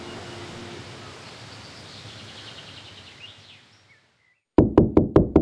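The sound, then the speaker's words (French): A quiet outdoor hush with faint bird chirps fades away, then five quick, firm knocks on a door ring out loud in a steady rhythm. “C'est le sommeil qui frappe à la porte.”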